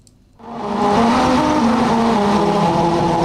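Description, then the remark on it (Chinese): A car rolls at 35 to 60 km/h over the colored musical stretch of Highway 99, the Rainbow Road, on the grassland of West Ujimqin Banner, Xilingol League, Inner Mongolia, its tires producing a loud, steady humming tone that shifts in pitch over heavy road rumble, starting abruptly after a brief silence. “在锡林郭勒盟西乌珠木沁旗草原，99号公路游牧部落景区路段，当车辆以35至60公里的时速匀速行进，轮胎与七彩路面产生特殊的物理摩擦”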